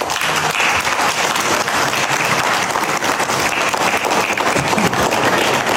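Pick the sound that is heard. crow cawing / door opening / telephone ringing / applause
applause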